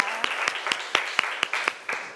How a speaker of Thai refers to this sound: เอาขอเสียงปรบมือเป็นกำลังใจให้เพื่อนของเราหน่อยนะคะ